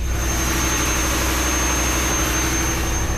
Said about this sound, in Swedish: Her var maskinrummet, og her larmer så mye nek, for jeg forstår det, det er så opptøkket med det, så vi får ikke inn i kjøkkenet.